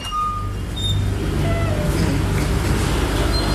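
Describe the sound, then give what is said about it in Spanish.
A steady, loud mechanical drone of the freezer motors in the freezer area of a sample bank, a low constant hum with faint whining tones above it, running without pause throughout. “Y aquí, como escucharán, pues hay un ruido de los motores de los congeladores, doctor.”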